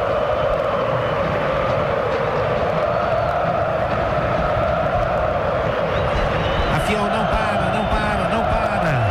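A dense, steady roar of a full stadium crowd at the Neo Química Arena during the second half of a Corinthians versus Internacional football match, Corinthians leading 1-0; a continuous wash of many voices with faint chanting swells and no pause or break.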